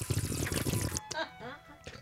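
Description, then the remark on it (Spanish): Water pours briefly into a glass with a splashing gurgle lasting about a second, then stops as a voice speaks softly for a moment. “¿Puedo tomar agua en lo que es?”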